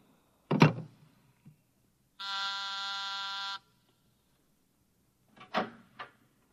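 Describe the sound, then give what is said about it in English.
An office intercom buzzer sounds once, a steady, harsh, rasping buzz lasting over a second. Brief clunks, like a drawer or door, come before and after it. No one speaks. “You buzzed, Mr. Burkhart?”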